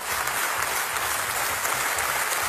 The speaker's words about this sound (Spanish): Y 25 minutos de aplausos.